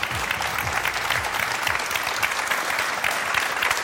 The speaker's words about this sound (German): Vielen Dank, das ist sehr freundlich. Hört gar nicht mehr auf, der Applaus. Wunderbar.